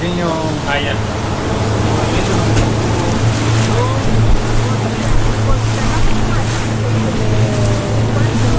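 A boat engine drones steadily and loudly on the water, with a constant low hum, splashing and wind buffeting the microphone throughout, as the boat heads to a nearby salmon farm.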